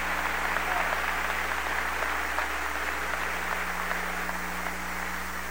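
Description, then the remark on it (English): A crowd applauds the Prime Minister of Jamaica in a steady, sustained round of clapping that fills the whole stretch without fading, over a low electrical hum. “Let's give our Prime Minister from Jamaica, our brothers and sisters from Kingston, Jamaica, a warm round of applause.”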